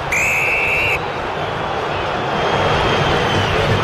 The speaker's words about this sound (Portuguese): Vaias da Fiel para atuação corintiana nessa primeira etapa, o Fluminense vence o jogo, gol do Hulk, 1-0 aqui em Itaquera.